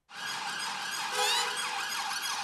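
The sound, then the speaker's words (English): The sirens of a four-vehicle police convoy driving a suspect to court wail together, their rising and falling tones overlapping in a loud, continuous blare for the whole moment, with no voices. “Driven to court in a four-vehicle police convoy with sirens blaring, the man accused of trying to stab two Jewish men to death on Wednesday morning and of trying to kill an old friend earlier the same day.”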